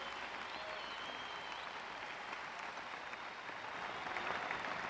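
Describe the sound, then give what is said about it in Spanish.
Steady applause from an audience fills the whole stretch, a dense wash of many hands clapping at an even, sustained level with no voices rising above it. “Aplauden sin temor, si usted me está oyendo, si usted me está entendiendo.”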